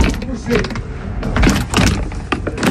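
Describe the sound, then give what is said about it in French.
An old, archaic door of a precious-stone cutter's workshop on the rue du Port is pushed open, with a few seconds of rattling, scraping and clunking noises from its mechanism and frame. “Un peu archaïque cette porte.”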